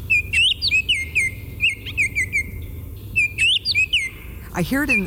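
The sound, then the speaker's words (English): A yellow robin calling: repeated clear, high piping whistles in short bursts with a few upward-sweeping notes, over a low background rumble; a brief louder chirp near the end. “The yellow robin.”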